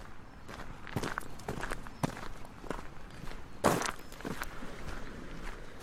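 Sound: footsteps walking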